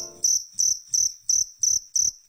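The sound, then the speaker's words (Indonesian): Crickets chirp at night in a steady rhythm, six bright, high-pitched trills repeating evenly about every third of a second, fairly loud with no voices. “Bukan, ini bukan karena jangkriknya mulai mengantuk.”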